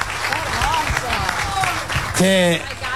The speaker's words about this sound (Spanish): así que les quiero agradecer de corazón y les pido, si me ayudan, un aplauso a todos.